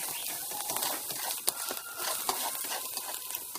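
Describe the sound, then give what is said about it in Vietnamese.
Clams stir-fried in a hot pan and stirred evenly until they thicken: a steady bright sizzle with repeated scraping and clattering as they are tossed and stirred, a sharp clink standing out midway, with no voices. “Xong đó là mình sẽ đảo cho đều tay và cho nó hến nó sánh lại.”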